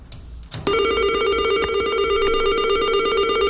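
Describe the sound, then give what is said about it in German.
An electric door entry buzzer at the entrance of a multi-storey apartment building beside a construction site starts abruptly after a brief click. It buzzes loudly and steadily on one low, harsh tone, continuing unbroken for about three seconds as the door lets a visitor into the stairwell. “Nach einem Zeit surrt es und ich habe jetzt Stegenhaus.”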